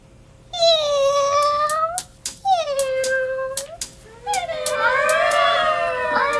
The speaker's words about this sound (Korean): 고양이가 배수로에서 굴 안으로 들어오며 울었다. 그 뒤로 찰박찰박 소리를 내며 다른 고양이 서너 마리가 따라오고 있었다.